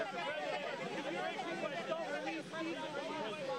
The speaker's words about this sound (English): Is this a bigger crowd than normal, or what? It seems like it.